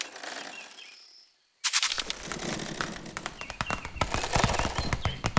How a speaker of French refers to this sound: Ce que j'entends là est, je crois, le bruissement d'une toute petite bestiole, discrète, active, infiniment légère. Une araignée.